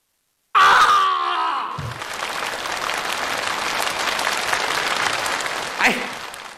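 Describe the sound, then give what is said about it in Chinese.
An audience at a crosstalk (xiangsheng) comedy performance breaks into loud, sustained applause, a dense wash of clapping with some cheering and voices at the start, holding steady for several seconds. “你说，我听了，掌声。”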